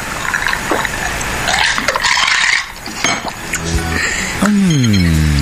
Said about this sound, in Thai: เปิดเบียร์ลีโอก่อนนะมานี่เปิดมือเดียวด้วยนะนี่นะดื่ม